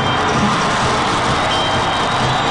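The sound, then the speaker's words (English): A loud, dense crowd roar fills the whole stretch, a sustained wash of cheering voices blending together with no break, as a singer does a quick shuffle and spin. “When he does a quick shuffle and spin again, a roar surges from the crowd.”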